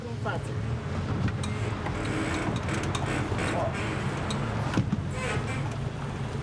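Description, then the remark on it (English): A motorboat engine drones steadily on the Bicas Reservoir, Romania's largest artificial lake, on a boat for 12 people steered by a woman: a continuous low rumble with faint indistinct voices and some wind noise mixed in. “It's rather unusual to see a woman at the helm. Motorboats are considered masculine here.”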